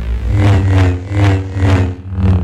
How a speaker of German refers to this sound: Für mich hört sich das an wie so eine nervige Mücke, die an meinem Ohr vorbeifliegt. Aber hey, Star Wars Fans, die kriegen da bei diesem Lichtschwert oder so gleich eine Gänsehaut.